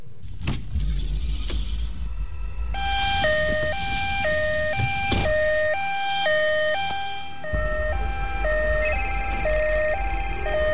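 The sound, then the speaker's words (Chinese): An ambulance siren wails in a steady two-tone pattern, alternating high and low notes, loud over a low rumble of traffic, with no one speaking. The ambulance, called through the 120 emergency line, is arriving at a residential compound. “又哆哆嗦嗦地打了120急救电话，说了妻子的大概情况，还报了家庭住址，让救护车赶紧过来。”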